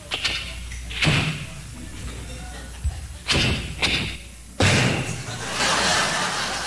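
A car door in a driveway is handled carefully, with a series of solid clunks and thuds, four or so spread out, ending in a firm slam, with a faint background hum.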